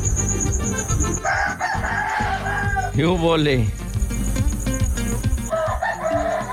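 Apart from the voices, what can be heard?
rooster crowing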